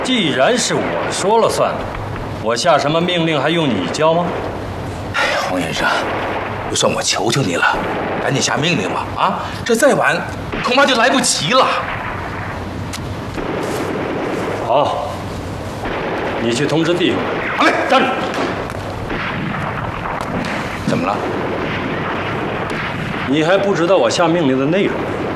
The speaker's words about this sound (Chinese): 这山下传来的枪声越来越激烈。